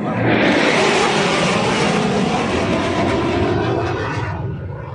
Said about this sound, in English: End off the last long weekend of the summer at the CNE and by watching the annual air show.